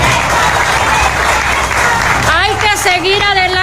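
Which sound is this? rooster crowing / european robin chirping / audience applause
audience applause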